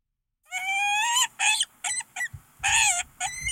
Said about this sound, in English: You want to hear what a peregrine falcon sounds like?